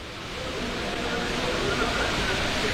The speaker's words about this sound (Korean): 잠시 서울 홍제천의 인공폭포로 가겠습니다.